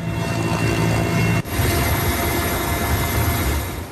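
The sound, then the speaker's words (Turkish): Loud, steady roar of firefighting aircraft overhead, four planes and five helicopters fighting a forest fire from the air near the Ören neighbourhood. A droning engine and rotor noise fills the scene, with a brief cut partway through before the drone continues. “Alevlere 4 uçak ve 5 helikopterle havadan, çok sayıda iş makinesi ve personelle karadan müdahale ediliyor.”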